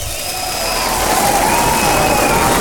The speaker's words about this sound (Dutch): Daar mag je best even voor klappen, ja.